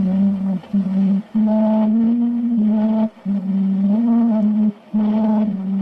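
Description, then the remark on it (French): An old, thin-sounding phonograph recording of a voice singing a slow melody in long held notes, with brief pauses between phrases and a faint hiss of surface noise throughout. “Pour la petite anecdote, c'est Edison qui a réalisé le premier enregistrement audio.”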